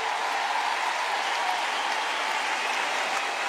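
Steady, dense audience applause fills the whole stretch, a loud continuous wash of many hands clapping with no pauses and no voices standing out.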